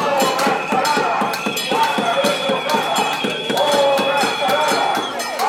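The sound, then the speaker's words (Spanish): A midday cacerolada protest: residents angry at stalled renovation works on the Santa Catalina blocks bang pots and pans in front of the Aranda town hall in a dense, steady metallic clatter of rapid, overlapping strikes with a bright ringing tone, loud and continuous, with indistinct voices underneath. “los vecinos afectados por la paralización de las obras expresaban este mediodía su malestar con una sonora cacerolada frente a la Casa Consistorial Arandina, en la que se pedía la dimisión del alcalde.”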